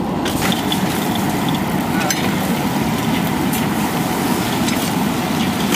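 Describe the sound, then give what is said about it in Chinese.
Continuous sizzling and crackling of Sichuan-style spicy chicken (la zi ji) with chilies stir-frying in a hot wok over medium heat, steady and loud throughout, with scattered sharper pops and clinks over the dense hiss. “炒个七成熟，下入辣子鸡，这颜色又比较鲜亮。”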